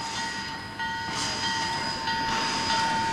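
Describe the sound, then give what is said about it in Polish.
A steam locomotive train in North America rumbles steadily along the rails, a continuous loud mechanical roar with bright metallic tones and faint rhythmic clatter, with no one speaking. “To jest na kontynencie północnoamerykańskim wyjątkowa atrakcja. Lokomotywa parowa.”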